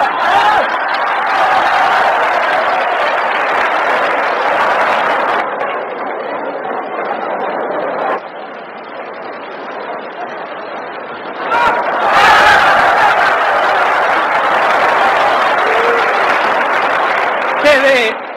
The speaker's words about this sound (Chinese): 好，接下来让我们再以雷鸣般的掌声欢迎挑战者出场。